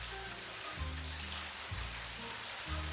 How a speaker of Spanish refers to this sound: Uy, qué tormenta se viene. Está lloviendo por allá.